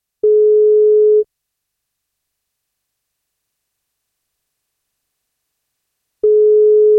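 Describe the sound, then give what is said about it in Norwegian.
A telephone ringing tone as a radio show calls a listener for her birthday: two steady, mid-pitched one-second beeps separated by a long silent pause, with no voices. “men da må hun svare når vi ringer.”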